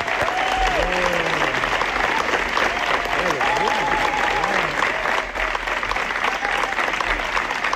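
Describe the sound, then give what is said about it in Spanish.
Sustained, dense applause, a long ovation from the audience at the TAC, steady and loud for the whole stretch, with a few voices calling out and cheering among the clapping. “Largo aplauso, ¿eh? Ha sido una ovación, no como las del Festival de Cannes, pero bueno, casi parecido.”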